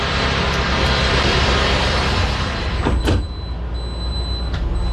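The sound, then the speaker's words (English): Loud, steady rumble of a futuristic vehicle resembling an all-electric delivery truck on a manufacturing plant floor, then its large sliding glass door glides and whooshes shut partway through; the noise drops noticeably afterward, leaving a faint high whine. No one speaks. “You can listen how good these doors work.”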